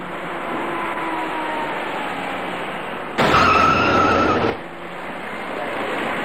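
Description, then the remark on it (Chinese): Steady traffic noise of cars driving up a curving ramp onto Jianguomen Bridge, turning from south to west, in the afternoon, with a louder burst of engine and tire sound for about a second in the middle before the general road hum resumes. No one speaks. “这里是下午2点多的建国门桥上，一些车辆正在这个转弯处自南向西盘桥而上，您注意看一辆即将出现的白色小客。”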